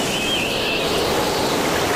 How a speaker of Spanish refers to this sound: ¿Y ahora también hay sonidos que recargan a tu coche? Pues yo solo oigo la carretera. Claro, al conducir se recarga solo.